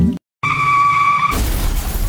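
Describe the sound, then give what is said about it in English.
Car tires squeal loudly in a sustained, high-pitched skid lasting about a second as a car driven too fast crashes, then a harsh crash of impact and debris takes over, loud, with no voices. “Okay, maybe don't crash your car trying to get here”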